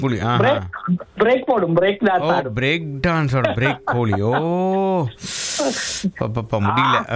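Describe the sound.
A radio phone-in caller imitates a chicken's clucking in quick, rising and falling bursts, loud, with a brief hiss partway through, heard over a phone line.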